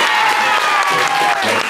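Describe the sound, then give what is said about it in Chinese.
A loud, steady burst of audience applause: dense, fast clapping from many hands that holds at an even level for under two seconds, with a faint sustained tone running underneath. “掌声送给你。”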